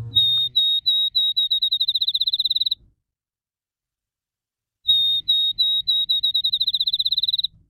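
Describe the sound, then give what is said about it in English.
Two songs of a field sparrow, a migrant passing through the valley, each a series of clear, high whistled notes that start slow and speed up into a rapid trill, like a bouncing ball, with a brief silence between. “we're talking about sparrows that are headed through the valley right now, and the field sparrow is one of these.”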